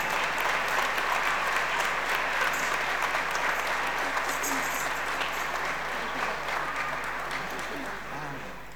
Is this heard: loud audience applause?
yes